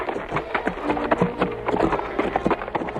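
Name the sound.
horse hooves clip-clopping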